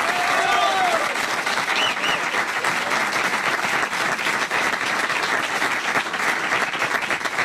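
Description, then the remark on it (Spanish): Steady, loud audience applause fills the whole stretch, a dense rapid clatter of many hands clapping with a few faint whistles or cheers near the start. “Fuerte el aplauso, señor.”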